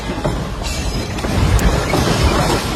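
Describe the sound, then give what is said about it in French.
A ceiling collapses during a double earthquake in Caracas in a loud, sustained crash, a heavy rumbling roar with scattered clattering impacts of falling debris throughout, growing slightly louder midway, with no voices. “Ce député a filmé le plafond qui s'écroule dans un fracas.”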